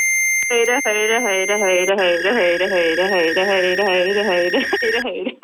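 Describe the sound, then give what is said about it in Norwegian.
A steady, high-pitched electronic beep tone from a phone app measuring the right eye holds continuously while the phone is held still, as a voice repeatedly says "høyre" (right) in short bursts, with the tone stopping near the end. “mens du hører den pipelyden, er det veldig viktig at du holder telefonen helt stille, og så må du se rett mot kamera.”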